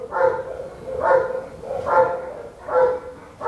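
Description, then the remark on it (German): A Belgian shepherd dog in a kennel at an animal shelter in Heppenheim, Germany, barks four times in a steady, evenly spaced rhythm, moderately loud, with a slightly hollow, enclosed quality and no voices. “Das ist ein belgischer Schäferhund und die sind eigentlich für Polizei und Zoll und so.”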